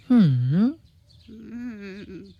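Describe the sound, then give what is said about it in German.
A human voice imitates a raven with two drawn-out calls: a loud, swooping croak, then a quieter, steadier call that wavers at the end. It stands alone. “Ach, du kluger, hübscher Rabe, wirst du deiner Freundin denn nicht helfen wollen?”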